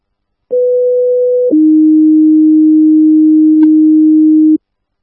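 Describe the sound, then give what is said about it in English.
Fire dispatch alert tones over the radio for Engine 247 ahead of a medical call: a steady higher tone for about a second, then a lower sustained tone holding for roughly three seconds, loud and clean with no voices. “Engine 247, standby for medical, 811 Redhead Way, 811 Redhead Way, standby for tones.”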